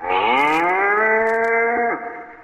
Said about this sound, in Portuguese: Foi quando surgiu o velho sertanejo à frente de uma manada de 50 cabeças de gado que ele fora buscar.